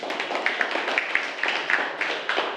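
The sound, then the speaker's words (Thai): A group of people applauds group 3 of students steadily, many hands clapping at once in a dense, crackling wash, with a few sharper claps standing out through the two and a half seconds. “ขอเสียงปรบมือให้กับกลุ่มที่3ด้วยค่ะ”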